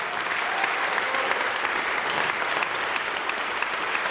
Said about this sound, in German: Großen Applaus dafür.